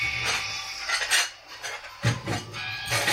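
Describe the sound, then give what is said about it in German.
Dishes clatter and clink repeatedly in a busy, irregular rhythm in a mobile phone game whose sink and floor are full of dirty dishes. Bright crockery knocks with a few louder bangs, fairly loud, with no talking. “Der Boden ist voll mit verschmutztem Geschirr.”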